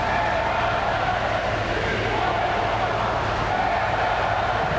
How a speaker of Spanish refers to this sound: Como en años anteriores, se han escuchado abucheos e insultos a la llegada del presidente.